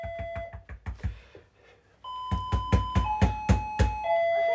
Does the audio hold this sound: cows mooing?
no